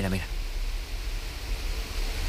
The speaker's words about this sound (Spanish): Mira. Ahí se oye. Ah, la lluvia. La lluvia y los truenos, que justo ahora no está tronando. Esto es una maravilla, por favor.